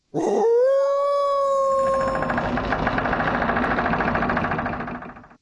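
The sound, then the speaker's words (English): A wolf lets out one long, loud howl that rises and then holds steady, layered over a continuous rumbling, engine-like drone that carries on after the howl fades. “The answer is Wolf Creek.”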